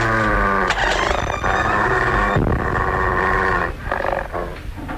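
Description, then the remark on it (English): A large half-breed wolf dog growls and snarls, a deep, rough, sustained rumble that swells into harsher bursts, loud and continuous with no talking over it. “So, I didn't kill your half-breed wolf, eh?”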